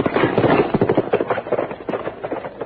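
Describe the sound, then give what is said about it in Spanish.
Rapid, loud hoofbeats of a horse clatter in a steady galloping rhythm as its rider leaves, a dense run of sharp knocks that continues for a few seconds with no talking. “Y me voy a llevar también su caballo”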